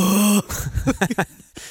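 A low-pitched frightened shriek from a single low-voiced person showing how they sound when badly scared: a loud, steady held cry, then a quick string of short, breathy yelps and gasps that trail off.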